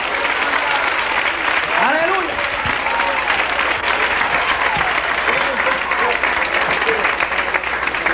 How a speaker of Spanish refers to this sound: Dale un aplauso al Señor, que eres bueno.